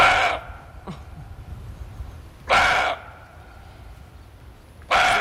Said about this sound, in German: Der Rehbock, der gauzt wie ein Hund